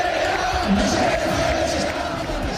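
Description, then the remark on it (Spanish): A large crowd of football fans chants together in the stands at Rayo's stadium during a match against Athletic, suspended in the 13th minute after fans threw paper planes and rubber balls onto the pitch; a dense, steady roar of many voices holding a sustained tone throughout, loud and unbroken. “Mientras tanto, en la grada se escuchaba lo siguiente.”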